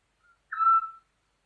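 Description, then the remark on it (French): A Eurasian scops owl gives one clear, mellow whistled note lasting about half a second, preceded by a very faint short peep, with silence all around and no voices. “En France, on rencontre le petit duc essentiellement en région méditerranéenne, dont l'Ardèche.”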